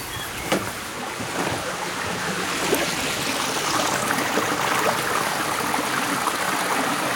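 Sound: flowing stream water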